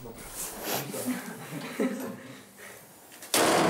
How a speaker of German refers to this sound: Ich muss die Tür auch noch wieder zumachen.